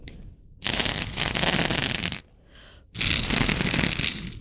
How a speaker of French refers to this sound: Le souffle du vent.